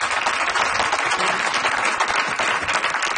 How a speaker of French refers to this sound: Ils étaient accompagnés par Matt Laurent à la guitare. Lui aussi, on l'applaudit bien fort.